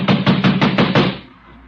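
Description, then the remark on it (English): Six heavy, rapid thuds of someone pounding on the door of a room in a house, threatening to bust it down, evenly spaced and loud, then a brief fading tail. No voices. “I'm going to bust this door down.”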